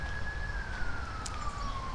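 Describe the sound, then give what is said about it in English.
An emergency vehicle's siren wails in a single high, steady tone that slowly slides downward in pitch as it speeds down West Maple Road (Highway 64), heard over a constant low rumble of road noise. “All right, sounds like we've got some emergency services screaming down West Maple Road, also known as Highway 64 if you're in the know.”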